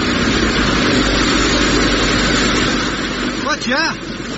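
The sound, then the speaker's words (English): A motorboat engine idles, a loud, steady low rumble that holds throughout, with a brief burst of voice breaking in near the end. “Mine's got an engine.”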